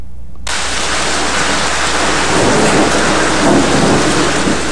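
A thunderstorm kicks in abruptly with steady, heavy rain hissing across the whole band, while deep thunder rumbles underneath and swells louder in the second half. No voices are heard.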